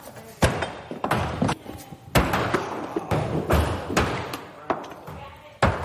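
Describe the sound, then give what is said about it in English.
Repeated hard, woody thuds of thrown axes striking a wooden target, landing every second or so, with indistinct voices murmuring underneath. “Everyone will stick their axe before they walk out that door.”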